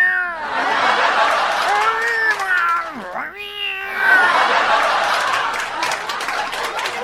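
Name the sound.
cats meowing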